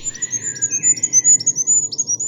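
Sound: goldcrest song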